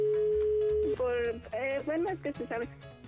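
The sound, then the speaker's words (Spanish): A steady, unbroken telephone dial tone after a call is hung up hums for just under a second, then cuts off as a person starts talking. “¿Por qué estás colgando el teléfono?”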